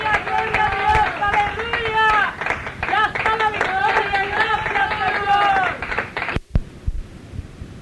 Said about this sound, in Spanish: El Señor la sanó y el diablo se fue. Gloria a Dios, gloria a Dios. Fuerte aplauso a nuestro Rey. Gloria a Dios.